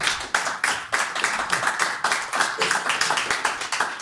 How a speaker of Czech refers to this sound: Tak to je na potlesk.